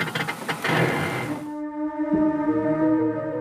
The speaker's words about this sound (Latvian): Mēs vienkārši paņemam offroad režīmu un auto paceļās uz augšu un mēs esam augstāk. Dzirdat, kā tas notiek?